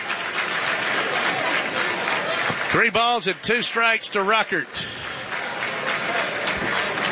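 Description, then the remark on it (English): Players in the Georgia dugout, standing on the top step at a baseball game, clapping along steadily and continuously, with a man's voice briefly speaking over the applause midway through. “And the Georgia dugout on the top step, everybody clapping along.”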